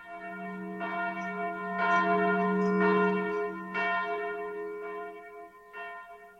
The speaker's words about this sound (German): Darauf läutete er die Glocke.